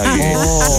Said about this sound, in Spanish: La musiquita que tengo de fondo. Lo siento, no las puedo callar a todas. Qué barbaridad. La costa, la chicharra en el Mediterráneo también suena mucho. Sí, pero esto es un sonido de campo.